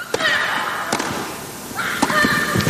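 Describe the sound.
Several crisp, sharp pops of tennis rackets striking the ball in a short Wimbledon rally, ending with Naomi Osaka's huge return that wins the second-set tiebreaker against Sabalenka, spaced irregularly, with a steady murmur of voices and crowd noise underneath.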